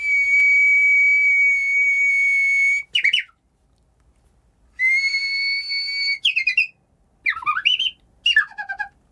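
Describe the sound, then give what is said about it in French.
A human whistler imitates a Japanese bush warbler (uguisu), Japan's emblematic bird: a long, steady high whistled note breaks into a quick warbling flourish, repeated twice, then two more short trilling, descending phrases, with no talking. “Ça, c'est un oiseau rossignol japonais, et vous faites ça à un japonais, c'est son oiseau emblématique.”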